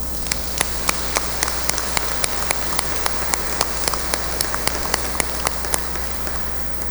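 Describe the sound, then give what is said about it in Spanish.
An audience applauds for missionaries in a steady, even wash of clapping, with sharp individual claps popping out at a quick, fairly regular rhythm for about seven seconds. No one speaks. “Démosle un aplauso a estos misioneros.”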